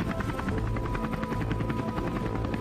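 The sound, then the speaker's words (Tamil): A helicopter hovers in strong wind with a ladder hanging from it, the pilot unable to hold it steady, its rotor chopping out a fast, steady pulse over a loud, continuous engine roar and wind-like wash, with no voices. “Helicopter study பண்ண முடியாதுன்னு pilot வேற சொல்றாரு, சீக்கிரம் மேல வாடா, ஏணியை விட்டுறாத.”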